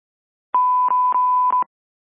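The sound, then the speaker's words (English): A steady electronic tone around one pitch sounds for about a second, broken by brief clicks or interruptions, like a telephone line signal on an incoming call; no voices accompany it. “phone come in.”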